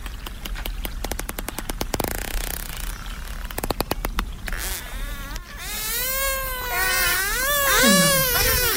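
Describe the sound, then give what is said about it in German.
A dolphin sends out rapid trains of sharp sonar clicks in bursts, then breaks into high, wavering whistles and squeaks used for communication that rise and fall over a constant watery hiss. “Ja, da hat man auch wieder gehört am Anfang dieses Klicken, das war der Sonar und dann fingen sie an so ein bisschen zu quietschen, das ist dann mehr so die Vokalisation, die der Verständigung dient, der Kommunikation.”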